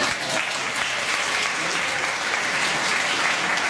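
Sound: audience applause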